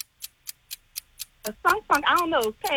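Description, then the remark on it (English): A game timer clock ticks quickly and steadily, six crisp ticks alone before a person starts talking over the continuing ticking. “Start the clock.”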